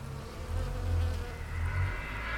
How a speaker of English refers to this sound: We're going to be hearing recordings entitled Tombstoning Off Portland Rock, Bees in Lavender Bush, Halfway Up Steep Climb to Top, and his contribution to the World Listening Day 2013 sound map entitled Listening After Work.